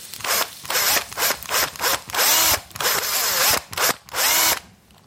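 A cordless drill whirs in a series of short, loud bursts, its motor pitch rising and falling as it bores out the hollow inside of a carrot to make an air channel, with brief pauses between each run.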